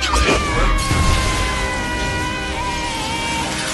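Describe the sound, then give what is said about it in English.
The towering windows of the Great Hall are imploded by a sweeping wand motion and shatter inward with a loud, sudden crash, followed by a sustained wash of ringing, tinkling glass and debris that stays loud for several seconds as shards cover the tables and floor. “With a sweeping wand motion, Bellatrix implodes the Great Hall's towering windows.”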